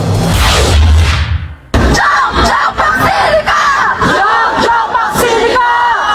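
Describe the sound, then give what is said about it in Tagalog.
A loud crowd of protesters from progressive groups shouts and yells over one another in front of a hotel in Taguig City on a Thursday morning, during the Luzon Economic Corridor Investment Forum, with a sharp jolt partway through, then a dense stretch of overlapping raised voices and chanting continues steadily. “Nagkilos protesta ang ilang progresibong grupo sa harap ng isang hotel sa Taguig City Huwebes ng umaga kung saan idinaraos ang Luzon Economic Corridor Investment Forum na dinaluhan ni Pangulong Ferdinand Marcos Jr., ilang kinatawan ng Amerika”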